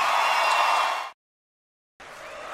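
Loud, dense audience applause with a steady hiss of many hands, cutting off abruptly into about a second of silence before the clapping resumes slightly softer.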